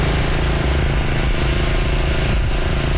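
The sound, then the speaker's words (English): Heavy water pumps run at full power in Tofield, Alberta, about 65 kilometers east of Edmonton, after heavy rain pushed wastewater systems to capacity. A loud, steady engine drone with a low rumbling throb and constant mechanical hum, unbroken for the whole stretch with no voices. “The pumps are going full tilt in the town about 65 kilometers east of Edmonton.”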